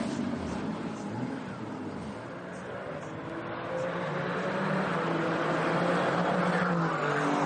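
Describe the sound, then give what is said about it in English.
The number 48 race car of Emil Hellberg, the only car still running, heads into the final sector of a qualifying lap; its engine roars steadily, the harmonic whine shifting in pitch as it grows gradually louder over several seconds, with a hint of tire noise and no clear speech. “He's the only car still running coming towards the final sector of the lap, and he does have a purple sector.”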